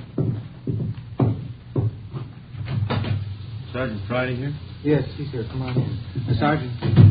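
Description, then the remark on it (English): A back door is opened with a few sharp wooden thumps and clatters early on, then voices talk over a low hum for the rest. “Somebody at your back door. Oh, yes, I'll get it.”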